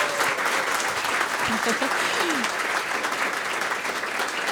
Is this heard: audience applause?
yes